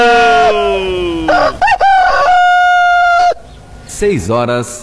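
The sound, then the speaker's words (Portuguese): A rooster, Galo Chico, crows loudly, a long strained cock-a-doodle-doo with a sustained high note, followed by a shorter crow after a brief pause, announcing the time 6:15. “Olha a hora certa, 6:15. Informou o Galo Chico!”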